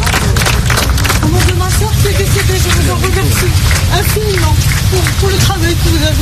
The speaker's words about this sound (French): Sur le parcours, des pompiers forment une haie d'honneur. Les familles s'arrêtent et applaudissent longuement.